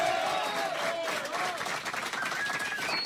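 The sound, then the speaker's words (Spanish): A studio audience breaks into loud, steady applause that fills the whole stretch, dense clapping with a few cheering voices and whistles rising above it. “Bueno, estamos grabando el 11º disco, disco número 11, fuerte el aplauso.”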